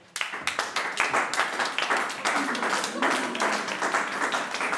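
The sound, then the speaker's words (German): A crowd rises and bursts into applause to greet the arriving queen of the event, dense overlapping claps that start abruptly and stay steady and loud for several seconds, with faint voices mixed in. “So erhebt euch einmal von euren Afterballen, Volk. Und zollet ihr Beifall”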